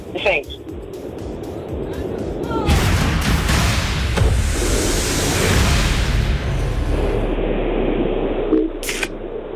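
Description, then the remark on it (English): A drink can, the fourth in a series, cracks open with a sharp snap, then a fizzing hiss lasts several seconds, with muffled voices and background noise around it and another click near the end. “Let's go for can number four.”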